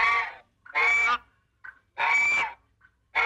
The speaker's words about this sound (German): Ich weiß nicht, was das für eine Gans sein soll. Also ich glaube, die hat irgendwas. Vielleicht hat sich's genauso angehört, als die Scheune gebrannt hat. Ja, so ein hysterisches Gänseschreien.